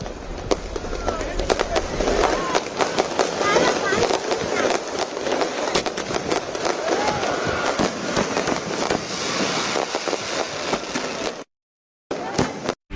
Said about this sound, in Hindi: इस दौरान मदुरई में भव्य सांस्कृतिक कार्यक्रम का आयोजन किया गया और इस अवसर पर वैगई नदी के किनारे भव्य आतिशबाजी भी की गई।